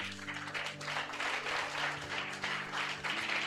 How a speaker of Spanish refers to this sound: Y hoy que soy un ministro de las asambleas de Dios, me siento contenta de tener al pastor en la ciudad de León, que es de León, desde el occidente. Recibámoslo con un fuerte aplauso.